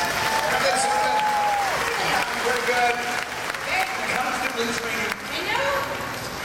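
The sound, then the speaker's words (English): A crowd applauds the stunt team steadily for several seconds, a dense wash of clapping with cheers and rising, gliding whistles or shouts riding on top throughout. “Now, let's hear for our stunt team again, huh?”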